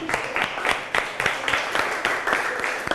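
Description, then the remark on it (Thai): Students clap together for a classmate in a steady, fairly quick rhythm, moderately loud, lasting the whole few seconds with no talking. “โอเคดีมากปรบมือให้เพื่อนหน่อยครับ”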